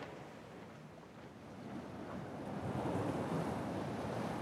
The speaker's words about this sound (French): T'entends les vagues ?